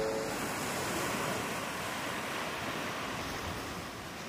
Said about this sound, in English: often surf together on this beach, building a bond with nature forged by the waves of the ocean.